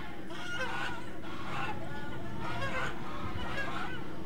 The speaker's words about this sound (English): The birds are feasting on the bugs here this evening.